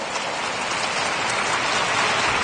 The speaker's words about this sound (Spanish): Si le va a aplaudir, apláudale fuerte al Señor, apláudale fuerte.